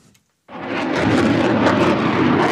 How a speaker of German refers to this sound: Tausende Besucher drängen sich am Zaun vom Rollfeld, wenn Eurofighter oder Tornado über die ILA donnern. Manchmal fliegen sie kopfüber, beim nächsten Mal machen sie ein Looping.